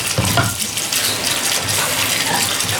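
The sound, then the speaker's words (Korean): A tap runs steadily into a sink with a broad hissing splash while dishes are washed by someone wearing rubber gloves; a couple of soft knocks of crockery come through early on. “갓 끓인 결명자차에 롤케이크까지 나눠 먹고 나니 설거지라도 내가 해야겠다 싶어 고무장갑을 꼈다.”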